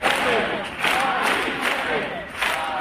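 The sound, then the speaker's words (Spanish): A crowd of about 20,000 people chants in unison at a protest march in Madrid, Spain, marching from the Puerta del Sol camp to the former home of Mari Carmen Abascal in tribute to her. Voices rise and fall in a steady rhythmic cadence of repeated slogans, loud and dense throughout. “Es sonido de Madrid, donde 20.000 personas, según delegación del Gobierno, han marchado desde la acampada en la Puerta del Sol hasta la que fue su casa.”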